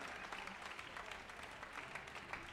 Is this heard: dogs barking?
no